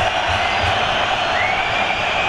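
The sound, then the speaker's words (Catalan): A crowd at Mestalla stadium roars loudly and continuously, a dense wash of shouting and cheering voices that holds steady for the whole moment without easing off. “Ara la reacció és total.”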